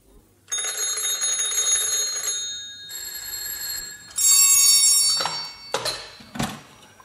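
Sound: telephone bell ringing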